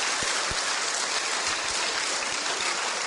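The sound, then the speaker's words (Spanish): A crowd applauds a young sister who has been greeting everyone, a dense, even wash of many hands clapping at once with no pauses and no voices standing out, sustained throughout at a moderate level. “Aplauso para la hermanita tan linda.”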